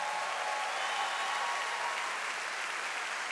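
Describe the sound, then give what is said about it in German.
Sustained audience applause fills the Kölner Philharmonie concert hall during the Over the Border Festival, a dense, even wash of many hands clapping at steady loudness throughout, with no voices standing out. “Nochmal einen ganz großen Applaus”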